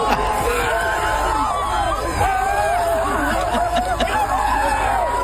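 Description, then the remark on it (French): A bagpipe band of more than 35 members shouts and cheers joyfully. Many overlapping voices rise and fall in an excited, continuous hubbub with bits of laughter mixed in, loud throughout. “On va les entendre encore un petit peu crier.”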